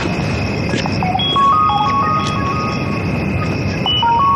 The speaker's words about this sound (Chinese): 医院电话，我接一下。